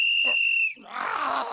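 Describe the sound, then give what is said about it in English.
A single long, shrill whistle blast holds a steady high pitch for under a second, then cuts off into a rough, noisy rumble like a growl or grunt. “Stop blowing that whistle!”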